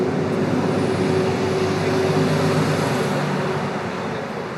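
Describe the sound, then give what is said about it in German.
Steady, loud road-vehicle noise at a gas station parking lot on a hot day of about 32 degrees, with idling engines and the low rumble of cars and heavier vehicles pulling in, a continuous wash of traffic with no speech. “Und ich warte schwitzend in der Mitte auf einer kleinen Insel im Schatten einer mickrigen Buche und beobachte die ankommenden Autos.”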